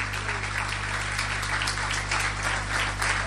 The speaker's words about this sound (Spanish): Aleluya, denle un aplauso al Señor si quiere hacerlo.